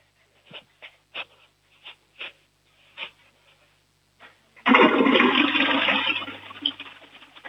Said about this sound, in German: Das war eine volllaute Klospülung von Matteo.